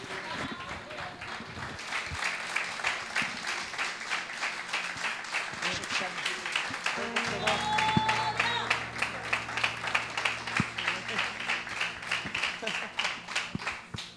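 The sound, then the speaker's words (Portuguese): A church audience applauds the Lord Jesus steadily and loudly throughout, a dense wash of many hands clapping with a faint, rhythmic pulse, while indistinct voices murmur beneath it. “Se você puder, aplauda ao Senhor Jesus.”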